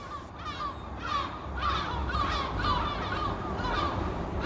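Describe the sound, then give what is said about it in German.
A dense seabird colony calls from the Lummenfelsen bird cliff on the west side of Helgoland, Germany, home to many bird species; overlapping harsh, croaking cries repeat in rapid succession over a steady roar of wind and surf, loud throughout with no speech. “Wir starten ganz oben auf dem Lummenfelsen auf der Westseite der Insel, der von den verschiedensten Vogelarten bewohnt wird.”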